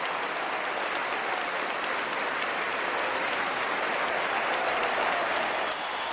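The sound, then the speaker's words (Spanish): An audience claps loudly and steadily, a dense wall of many hands applauding without pause, full for several seconds, with no voices standing out above it, clapping for the King during worship praising God. “Dale fuerte esas palmas al Rey.”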